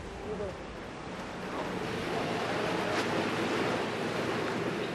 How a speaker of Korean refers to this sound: 파도가 높아 배까지 흔들리는 상황.